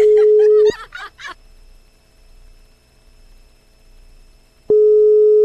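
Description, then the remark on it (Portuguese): A phone line rings out unanswered with steady, loud ringback tones, one cut off at the start and another starting about four seconds later, with quiet silence between and a brief murmur of voices; a call to Fábio Júnior placed live on a program. “Será que aconteceu alguma coisa? Tá atendendo não, hein?”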